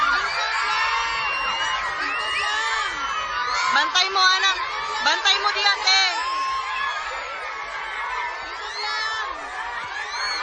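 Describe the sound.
A crowd of children cries and shouts all at once, a loud, continuous wall of high voices with sharper wails rising through the middle before settling back into steady commotion.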